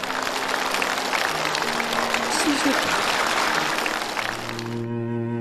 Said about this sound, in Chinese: 这也是我们敬佩你的一个很重要的原因，我为你鼓掌。